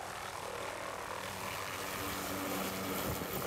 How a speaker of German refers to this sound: So, es ist jetzt 6.36 Uhr und wir sind hier an dem Platz, wo unser Hubschrauber starten wird. Und irgendwo da oben wird unsere Alp sein. Der Hubschrauber holt erst einmal sie und dann ihr Gepäck. Das ist schon in den Säcken verpackt.